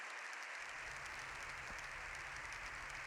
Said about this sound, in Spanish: Palabras de León XIV seguidas por más de 7 minutos de aplausos.